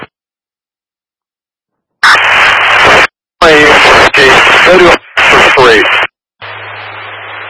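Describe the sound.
After two seconds of silence, loud bursts of crackling radio static cut in and out, with a garbled voice breaking through, then a quieter hiss with a low hum trails off.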